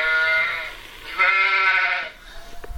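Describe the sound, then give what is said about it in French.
A sheep bleats twice in close succession, two loud, wavering, nasal calls, with no talking. “On est sur la brebis.”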